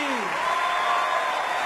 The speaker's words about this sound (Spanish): Aplausos, aplausos.